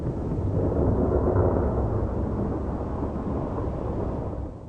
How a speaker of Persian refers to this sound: طوفان‌های بارانی با بادهای شدید و ابرهای تاریک همراه می باشند.